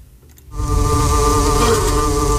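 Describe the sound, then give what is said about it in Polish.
A dense, steady hum of many bees buzzing together inside a hive at Poznań University of Technology, heard live at 8 a.m., loud, beginning after a brief quiet moment and holding an unbroken droning tone throughout. “Ale można też posłuchać tego, co się dzieje w środku ula.”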